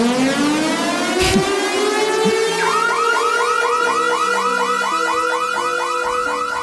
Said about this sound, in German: Oder einfach Open Air Notfall. Der Radio 24 Open Air Summer. Ich habe gerade vorher gehört, der Open Air Alarm fürs Lake & Sound, der am 19. Juni startet und bis am 21. Juni geht.